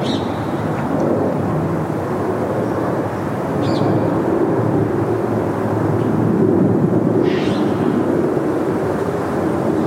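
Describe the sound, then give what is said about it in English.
A continuous, loud low rumble of an airplane passing overhead, right underneath its flight path, fills the whole stretch, steady and broad with no voices, a couple of faint higher chirps flickering above it. “This plane to go over.”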